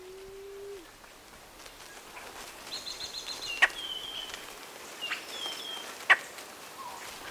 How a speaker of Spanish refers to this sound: Canta o cuchichea la paloma perdiz cubana. Nombre científico, Starnoenas cianocéfala.